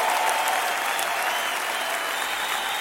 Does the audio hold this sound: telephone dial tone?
no